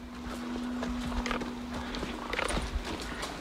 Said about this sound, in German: Aber erstmal geht's mit Theo ausreiten.